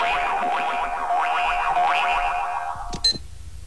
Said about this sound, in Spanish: El sonido de hoy es este que están escuchando. Es un pitido, el sonido de un cronómetro, que puede parecer un sonido cualquiera